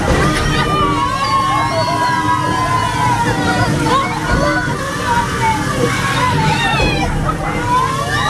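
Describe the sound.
Steady, loud sloshing and splashing water from a boat ride with water cannons, the boat moving along a small river, with excited voices and squeals from a crowd mixed in throughout.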